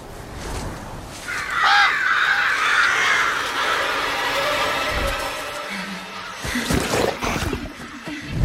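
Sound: flock of crows cawing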